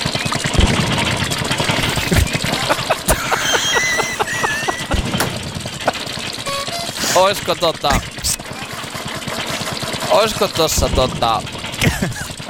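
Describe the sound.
An old Opel Mokka car's engine runs with a steady, rough, rapid rattling clatter throughout, joined by a few brief squeaky chirps and faint muffled voices.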